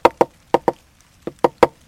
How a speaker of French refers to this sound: Puis le picatard, le pivert, il cogne dans un arbre sec pour faire un trou pour trouver des fourmis.